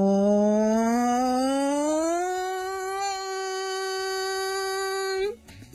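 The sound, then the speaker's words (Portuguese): A lone voice sings a sustained "O" vowel as a vocal exercise, sliding smoothly upward from low to high pitch like a siren, then holding the higher note steadily for several seconds before stopping abruptly. “Então, nós vamos fazer a vogal O e vamos fazer como uma sirene.”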